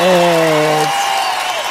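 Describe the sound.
Dense, steady audience applause on a show of the Greek radio station R3 (102) fills the whole clip at full volume, with a sustained voice-like tone riding over it for the first half second or so before fading out.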